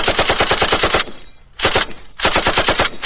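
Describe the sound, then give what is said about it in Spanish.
A machine gun sound effect: rapid bursts of fire, loud and evenly rattling, broken by two short pauses before the shooting resumes. “Le ponemos la metralla.”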